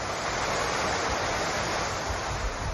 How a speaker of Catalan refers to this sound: Aquest que sentim és el riu Besòs, que ha superat el cabal registrat durant el temporal Glòria. L'Agència Catalana de l'Aigua ha emès un avís de risc hidrològic per superació del llindar de perill al riu Besòs al seu pas per Santa Coloma de Gramenet